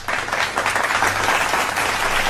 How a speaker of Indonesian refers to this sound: Best, tepuk tangan.